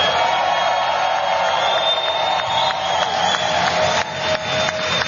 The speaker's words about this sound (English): if we can have a loud round of applause for organized labor here in the building.